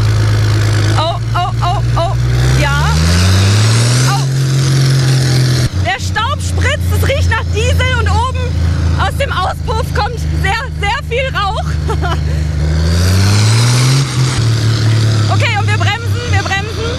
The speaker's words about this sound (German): Ich sitze jetzt bei … auf dem Trecker und wir fahren jetzt mal eine kleine Testrunde